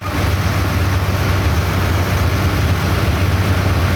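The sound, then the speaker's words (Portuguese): A large engine powering a gold-mining dredge roars steadily and loudly, a deep low hum under a dense mechanical rumble that never lets up, with no voices over it. “Olha que motorzão. Ah, isso aí que mantém o bicho do garimpo funcionando.”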